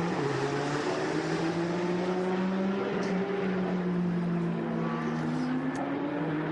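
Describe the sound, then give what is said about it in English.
Racing car engines drone steadily on a track, among them Oleksiy Kikirishenko's number 88 Porsche getting through traffic; several overlapping engine tones rise and dip slightly in pitch as the cars pass, loud and continuous with no talking. “It's Oleksiy Kikirishenko in the double eights up to race Porsche, trying to get through some traffic.”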